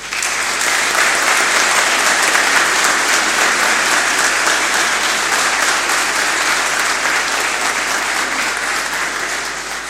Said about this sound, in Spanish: Invito a los alumnos de misioneros que han venido, pónganse de pie para que a ellos también fuertemente le demos un cariñoso aplauso.